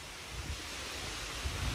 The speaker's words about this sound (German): Das Rauschen der Bäume im Park.